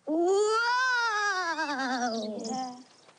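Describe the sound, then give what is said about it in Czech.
A single long, loud wail that sounds like a voice mimicking howling wind, rising slightly in pitch, then sliding slowly downward over about three seconds before fading out. “To byla meluzina.”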